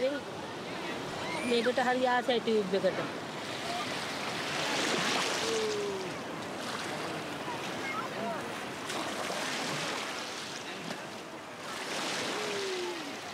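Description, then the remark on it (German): Sea waves wash in with a steady hiss, swelling in loud rushes every few seconds, while high voices call out briefly over the surf. “Aber wenn die Wellen kommen, kriegt er Angst.”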